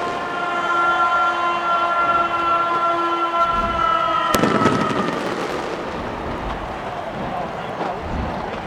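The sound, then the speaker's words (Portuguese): Fireworks burst over a stadium in New Jersey at the close of the World Cup final halftime show. Sustained horn-like tones give way to one sharp, loud bang, then a wash of scattered crackling pops over a steady crowd roar. “E agora fogos de artifício.”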